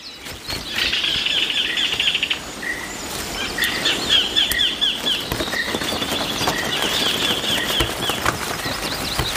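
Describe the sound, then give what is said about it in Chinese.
A parent bird's wings flap as it flies off from its young by a stream to hunt for prey in its 1-kilometre-long territory, a soft fluttering patter over steady rushing noise, with thin high chirps and trills recurring throughout. “亲鸟飞走了，在1公里长的领地范围内寻找猎物。”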